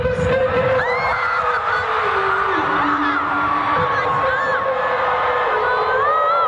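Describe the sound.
A dense, loud concert crowd in Munich roars and screams continuously, with many overlapping voices and a steady sung tone running through the din, as fans shriek over a band singing a viral hit live.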